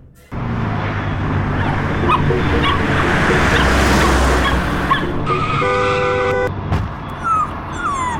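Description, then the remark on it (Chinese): A car's tires screech loudly for several seconds as it skids and hits a small dog, which then yelps and whimpers in sharp, high-pitched cries, followed by a few scattered knocks. “那只狗狗好像被撞到哎，怎么办？”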